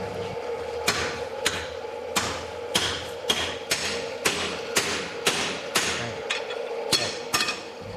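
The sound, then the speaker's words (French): Blacksmiths' hammer blows ring out on metal at a forge in a steady rhythm, about a dozen sharp clanging strikes with a lingering metallic ring between them, loud, with no voices. “Alors, on n'entendit plus que le soufflet qui activait le feu du foyer et les coups de marteau des forgerons.”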